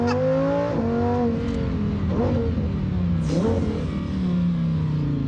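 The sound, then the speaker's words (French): A hillclimb race car engine roars continuously as the car races at speed up a hillclimb course on a road normally open to traffic, its pitch climbing and dropping sharply with each gear change, loud and aggressive with no voices over it. “Ce que tu me disais, c'est que la voiture commence à être chaude à la fin de la course de côte, en fait.”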